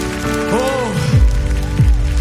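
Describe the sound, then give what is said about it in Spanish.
A crowd claps loudly in a dense, crackling wash of applause, with rising and falling voices cheering over it throughout. “¿Alguien para ese fuerte aplauso?”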